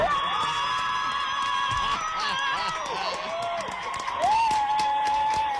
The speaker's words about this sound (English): How's that crowd in the background? Everyone woke up early, went to work. I can hear some German tourists atop that mountain as well.